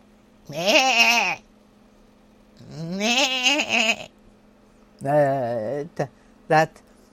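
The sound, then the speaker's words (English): A person imitates a goat, stretching their voice up high, letting out a series of wavering, nasal bleats: two long calls followed by a shorter one and a couple of quick bursts, fairly loud. “That my goat.”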